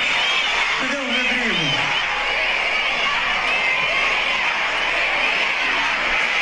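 A huge concert crowd chants the name "Virgínia" together during a show, a loud, steady roar of many voices with a rising and falling cheer near the start and no break throughout.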